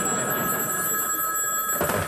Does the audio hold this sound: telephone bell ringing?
yes